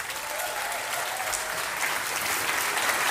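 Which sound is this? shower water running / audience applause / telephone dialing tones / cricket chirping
audience applause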